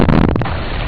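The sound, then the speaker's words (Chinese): A heavy blasting explosion outside a village, from blasting open a mountain, booms out with a deep, rough burst, then settles into a long low rumble that lingers to the end. No voices are heard. “人们说，那是在开山，开山才能通河，一条大河。”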